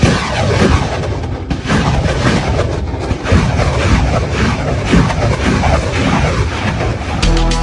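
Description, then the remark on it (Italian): Loud, continuous fire from Katyusha-type rocket launchers, tubes about 2 metres long and as wide as a fist, and explosions of rockets that scatter canisters releasing thousands of nail-shaped fragments, blend into a dense, roaring rumble with overlapping booms and crackling bursts throughout, with no voices. “Ora sono solo dei tubi di fronte a me, lunghi 2 metri, larghi come un pugno, ma quando arrivano disperdono esplosivi, che sono come delle lattine che a loro volta disperdono migliaia di schegge studiate a forma di chiodo.”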